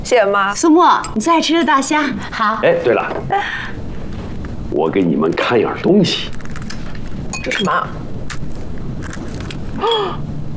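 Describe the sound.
Glasses clink together in a toast, with a few bright chiming taps heard close by while several people talk and cheer around the table.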